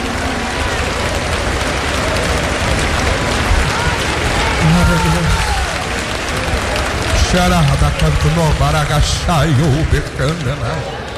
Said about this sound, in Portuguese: Quantos caminhos aplaudam o Senhor nesta noite? Aplaudam o Senhor hoje. Aplaudam o Senhor.